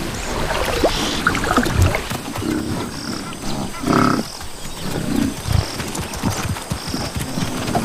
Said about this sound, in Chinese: 随着雨季的到来，非洲水牛即将离开河岸，到伊哈狮群的领地以及更广阔的平原上啃食仙草。一些非洲水牛在出发前下水洗澡，享受河水带来的清凉。